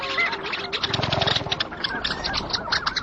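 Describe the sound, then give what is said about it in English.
A busy chorus of nasal, yodeling long-tailed duck calls overlaps continuously, several birds calling at once, with rhythmic rising notes and a steady wetland background, in the wetlands around Tshekpuk Lake in the Arctic. “their vocalizations reflect the urgency of the season. And it's not just the long-tailed ducks.”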